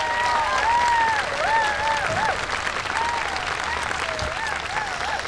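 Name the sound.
audience applause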